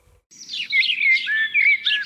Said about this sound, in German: Für viele Menschen gehört Vogelgesang zu den angenehmsten Geräuschen der Natur. Doch nicht jeder Vogel klingt gleich schön.